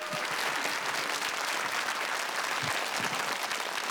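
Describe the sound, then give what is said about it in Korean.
A crowd claps steadily for about four seconds to welcome master folk singer Lee Chun-hee, who is to teach the folk song Gunbam Taryeong, a dense, even wash of many hands with a few sharper individual claps standing out, loud throughout without any voices. “선생님 큰 박수로 모셔볼게요.”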